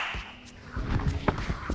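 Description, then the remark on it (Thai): A Vovinam martial arts breakfall, the forced fall technique called 'cat slap', onto a soft mat: a muffled body thud with a rustle, capped by a sharp slap and a lighter second slap, with no voices. “อันนี้เป็นท่าล้มบังคับของโอวินัมเขาเรียกว่าตบแมวอันนี้สมมติเวลาเราทำบนเบาะนิ่มง่ายมาก”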